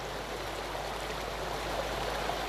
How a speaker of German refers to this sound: Wasser fließt.